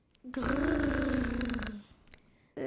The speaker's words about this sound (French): Les enfants sont éblouis tandis qu'un nouveau grognement les accueille.